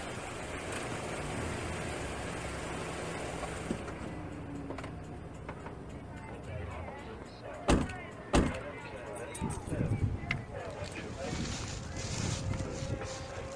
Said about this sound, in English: I'll park the car here.